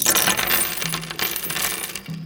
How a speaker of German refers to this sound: Sammelt die Muscheln ein und wirft sie zusammen mit Steinen und Münzen wieder auf den Tisch.